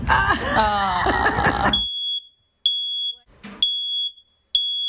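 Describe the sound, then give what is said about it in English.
A loud, piercing electronic smoke alarm sounds in repeated long beeps with short gaps, following a brief burst of busy, noisy sound at the start. “Fire and Rescue New South Wales is urging you to be fire safe this winter and have a working smoke alarm.”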